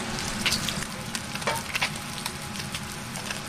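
Steady, dense sizzling of food frying in a pan as it starts to turn golden, a constant crackling hiss with scattered sharper pops and spits, moderately loud and with no voices.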